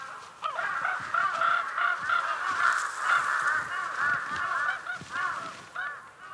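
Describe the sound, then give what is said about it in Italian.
A noisy chorus of large-billed crows cawing over and across one another as they take their turn at the last scraps of a tiger's kill in the hardest season, harsh, overlapping calls repeating steadily throughout, with no talking. “La pazienza ripaga i corvi becco grosso. Finalmente è il loro turno.”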